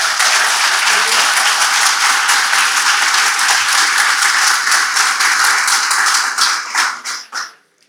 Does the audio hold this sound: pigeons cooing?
no